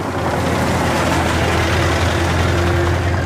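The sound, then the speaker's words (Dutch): A car engine runs steadily and fairly loud, a low rumbling drone with an even hum at a constant level, with no voices, as the car stops in front of the convent of the Sisters of Charity in the village of Ooijen on the cold early morning of 11 March 1935. “De auto stopt voor het klooster van de Zusters van Liefde.”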